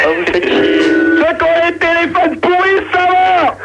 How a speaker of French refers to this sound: Baissez la radio!